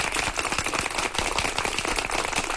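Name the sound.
round of applause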